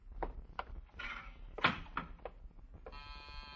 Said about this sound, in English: Who can that be at the door? Coming!